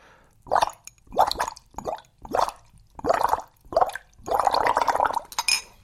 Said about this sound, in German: Blubbern. Die Luft, die ich durch den Strohhalm puste, steigt in kleinen Luftbläschen nach oben an die Oberfläche und ergibt ein richtig schönes Blubbern. Oh, ich liebe dieses Geräusch.